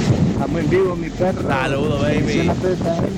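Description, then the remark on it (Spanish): Heavy wind buffeting a caller's phone line during a live radio call-in, a constant low rumbling roar that blows through the whole clip, mixed with muffled, garbled bits of the caller's voice. “No te oí nada al final porque hay un viento rascal ahí, hermano, terrible.”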